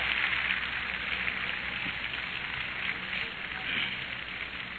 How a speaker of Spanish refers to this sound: Dele un aplauso al Ecuador, su tierra linda.